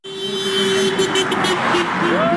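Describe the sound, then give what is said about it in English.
A sustained car horn honks over steady roadside traffic noise on a main road in Allentown, Pennsylvania, joined by a second, higher horn near the end, with a crowd gathered along the road waving signs protesting the GOP-controlled Congress, murmuring in the background. “Cars honk as people gather along a main road in Allentown, waving signs protesting the GOP-controlled Congress.”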